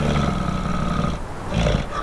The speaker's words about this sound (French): Oh, on n'entend pas grand-chose à part les rafales d'un vent glacial et quelques vaguelettes de l'océan Atlantique. J'entends le souffle lourd et caverneux d'une très grosse bestiole qui résiste aux températures extrêmes du Grand Nord canadien.